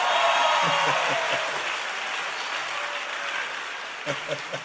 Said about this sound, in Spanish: Fuera de ti, bueno, déjenme un aplauso.